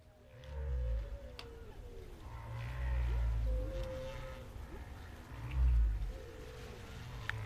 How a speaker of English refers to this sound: I know the whales are nice to listen to, but let's listen to some French avant-garde.